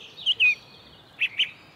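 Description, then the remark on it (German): A song thrush gives its alarm call, warning of a young eagle owl in Ohlsdorf cemetery: four sharp, high chirps in two quick pairs separated by a short pause, clear over a quiet background. “Er fällt aber auf einer Singdrossel.”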